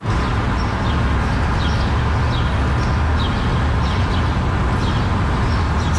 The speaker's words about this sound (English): I wanted to bring you a little sound of Toronto. I bring you the Dawn Chorus